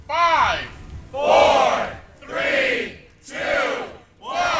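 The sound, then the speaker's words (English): A crowd of staff and upperclassmen at a move-in day at the University of Portland counts down "5, 4, 3, 2, 1" in five loud, rhythmic bursts about a second apart, many voices shouting together with brief pauses between each cry. “As students arrived on campus for UP's move-in day, they were greeted with the full hoopla. Music, cheering staff and upperclassmen, and yes, a confetti cannon.”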